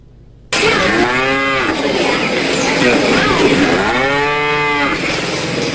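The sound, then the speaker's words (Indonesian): A dairy cow in Central Java, Indonesia, moos twice, two long, loud bellows a few seconds apart, over a steady background of rushing noise. “Dengan musim kemarau mulai mengancam ketersediaan pakan hijau bagi ternak sapi perah di Jawa Tengah.”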